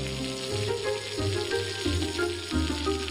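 Steady sizzling of pork skin frying in oil in a hot wok, the oil started cold and its temperature rising step by step, a layer of oil bubbles on the skin; a dense crackling hiss with soft low-pitched tonal layers shifting underneath, continuous throughout with no talking.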